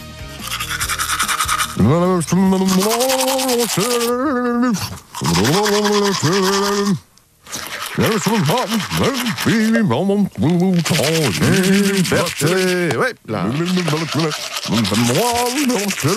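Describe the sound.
A voice sings a melody through a mouthful of toothbrush, the notes muffled and garbled under steady, close scrubbing and rushing noise, continuing with only brief pauses.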